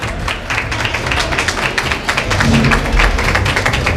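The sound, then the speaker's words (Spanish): A crowd applauding at a polling station in Andalusia as the Vox candidate for president of the Junta de Andalucía finishes voting, with many media present: a dense, steady patter of many hands clapping at once that grows a little louder halfway through, with a low rumble of voices beneath. “Están aplaudiendo en ese colegio electoral. Y este es el sonido que tiene.”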